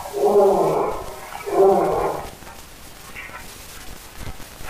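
A lion roars twice in quick succession, two deep, drawn-out bellows that fill the first half, followed by a low, quiet background with no voices.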